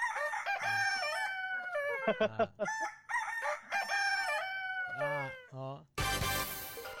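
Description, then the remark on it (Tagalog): A rooster crows loudly, its long strained cock-a-doodle-doo calls following one after another before a sudden burst of harsh noise cuts in at the end. “Ang huni isang manok na silikod mo do, parehas ng sinyo.”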